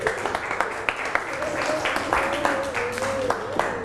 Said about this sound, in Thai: เก่งมากอ่ะอย่าปรบมือให้สุดหล่อแล้วก็นำเสื้อส่งไปข้างหลังเลยค่ะปรบมือให้เพื่อนลูก